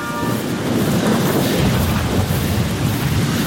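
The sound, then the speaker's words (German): A thunderstorm rages directly overhead, heavy rumbling thunder rolling continuously beneath a steady wash of rain, loud and dense throughout with no voices. “Das Gewitter ist jetzt genau über uns.”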